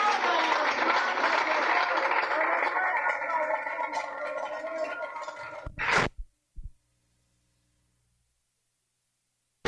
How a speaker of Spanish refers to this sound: ¡Fuerte aplauso a nuestro Rey, hermanos!